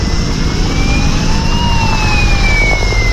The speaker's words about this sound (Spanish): Vuelve a ser el sonido de los helicópteros para coger agua, el de las alarmas, las sirenas que irrumpe un día más en la tranquilidad de pueblos de 5 provincias de Castilla y León, comunidad que sigue en situación operativa 2